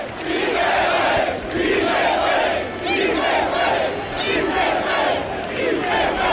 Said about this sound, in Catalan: De Michelis és el primer que va escoltar l'ovació. Enorme l'ovació que s'ha enduit Martín De Michelis, molt més important que l'altra vegada que va ser el seu primer partit a Espanya, contra l'Espanyol, perdó, i escoltat Som Moix.